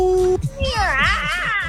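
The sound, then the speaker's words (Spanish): At an audition, a person's voice imitates a witch: a drawn-out, cat-like meow turns into a wavering, witchy wail, rising and falling in pitch. It is fairly loud and follows a brief steady digital tone. “A los mismos sonidos, pero un poco más bruja, menos gato.”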